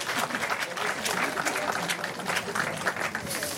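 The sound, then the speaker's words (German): An audience claps steadily throughout in applause for colleagues, a dense, even wash of many hands with no pauses, moderately loud and sustained. “Ein Applaus für die Kollegen, komm mal.”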